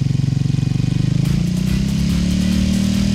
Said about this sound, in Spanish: ¿Cómo suena la moto? Pero dele más duro, mano.